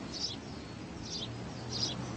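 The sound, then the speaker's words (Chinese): Three short, high chirps from sparrows on tree branches in April, spaced about a second apart, fairly soft, over a faint low outdoor hum with no one speaking. “麻雀在枝头鸣叫。”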